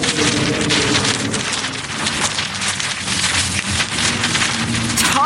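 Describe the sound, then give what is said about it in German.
A large kite flown on a line over a zoo meadow rattles and flaps in strong wind, a loud, steady rush of gusty noise with rapid fluttering throughout and a faint low droning underneath. No one speaks. “Der knattert und flattert.”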